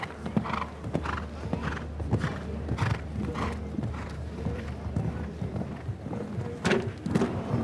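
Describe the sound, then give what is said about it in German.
Horse hooves pound in a steady galloping rhythm during a show-jumping round, approaching a vertical fence with a water ditch behind it, each beat crisp, over a constant low rumble of background noise with no clear talk. “Hier ist das Pferd einfach zu tief gesprungen.”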